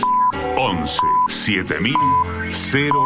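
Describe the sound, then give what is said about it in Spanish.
A series of short, steady high-pitched pips spaced about a second apart, a radio time signal marking 7 o'clock before the news, sounding over busy voices and music that play throughout. “Sonó el top y en Radio 750 estas son las noticias.”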